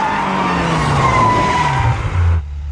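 A car brakes hard at a red light, its tires letting out a loud, sustained squeal with a wavering high-pitched whine over a low rumble, then cutting off abruptly near the end.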